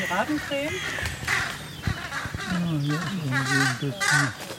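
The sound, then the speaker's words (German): Harsh, agitated bird alarm calls ring out over and over, overlapping each other, loud and nearly continuous, with wavering, cawing tones. “Akustisch haben die Kollegen natürlich auch Alarm gemacht.”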